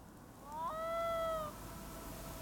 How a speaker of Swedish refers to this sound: Men är inte det här lom? Korrekt.